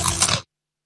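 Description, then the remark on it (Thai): A loud crunch of someone biting into large, thick Kob Kob potato chips in an advertisement, a brief crisp burst lasting about half a second before cutting to silence. “นี่คือกอบกอบมันฝรั่งแผ่นหนาชิ้นโตกัดเต็มคำกรอบแน่นเคี้ยวมันกว่าก อบกอบ กอบกอบกรอบกว่ามันกว่า”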